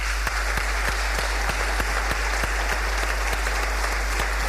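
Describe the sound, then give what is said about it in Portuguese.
A round of applause at a sports awards ceremony in Gouveia, Portugal, as an honoured athlete is called to the stage: a dense, steady wash of many hands clapping at a sustained level, with a few sharper claps standing out at a regular beat. No one speaks over it. “Uma salva de palmas.”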